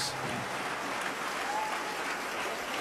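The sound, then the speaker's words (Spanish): Sustained, dense, loud applause from a group, given for Jesus: a steady wash of many hands clapping at once with no gaps, full throughout. “Alguien da un aplauso fuerte a Jesús.”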